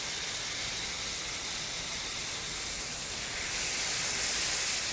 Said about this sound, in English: Okay, it is sizzling. Oh, that smells so good. So it looks like the bottom of it has browned. So I'm gonna flip it over.